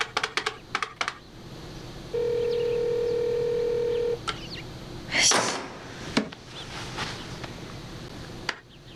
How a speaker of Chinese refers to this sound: 接了吗？锦溪不接电话， 他咋这会儿不接电话呢？